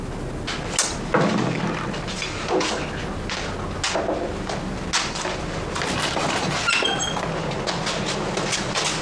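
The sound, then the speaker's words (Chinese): A door is knocked on and opened late at night, with a few sharp knocks and rattling thumps, fairly loud, over a steady low hum with no talking. “你开门，你开门。”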